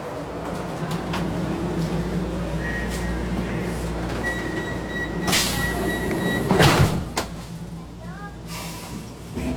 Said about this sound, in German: Wir fahren jetzt mit der U4 nach Obersankt Veit. Und die Station ist gleich ein Stück da vorne.